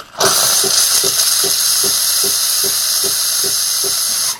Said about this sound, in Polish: Ten głośny dźwięk, który Państwo teraz słyszeliście, to było też jakby osuszenie przy pomocy pary, taka jakby dezynfekcja tego elementu wylotowego, z którego nam cieknie, leci piana, tak, czy tam mleko.